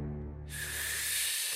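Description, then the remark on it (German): A voice imitates a wolf taking a deep breath and blowing hard: a brief low vocal hum, then a loud, sustained breathy whoosh of forceful exhaling lasting about a second. “Und noch einmal holte der Wolf so tief Luft, dass er das ganze Schilf des Schweinchenschilfzeltes wegblies und es in Stücke fiel.”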